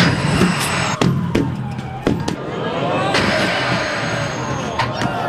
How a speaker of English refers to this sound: You may have tried tin pin bowling before, but what about knocking over giant bowling pins with a tram?